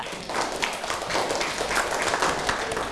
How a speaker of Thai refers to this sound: โอ้โหเยี่ยมมากเลยค่ะปรบมือให้กับเพื่อนค่ะ